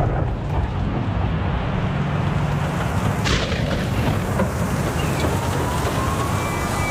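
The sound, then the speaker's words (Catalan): A dense, steady roar of heavy rain pours down throughout, with a sharp crack cutting through the downpour about halfway. No voices are heard. “Protecció Civil alerta de fortes pluges i recomana evitar desplaçaments innecessaris.”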